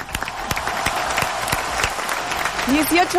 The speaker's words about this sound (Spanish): Y este es un aplauso en vivo. ¡Woo!